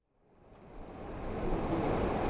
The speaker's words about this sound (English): The waters of the Truckee River flow through Reno on a sweltering summer afternoon. The headwaters that begin in Tahoe flow all the way to Pyramid Lake, home of the Pyramid Lake Paiute tribe.